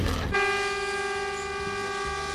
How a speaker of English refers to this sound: We're right on the cane line here, and that's a cane train heading to...